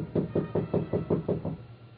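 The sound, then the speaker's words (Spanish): A quick run of about eight evenly spaced knocks on a door, dull and solid in tone, with no voices, followed by a moment of quiet. “¿Quién? Debe ser la señorita enfermera. Llama cuando cree que hay visita.”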